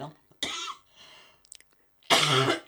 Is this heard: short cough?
yes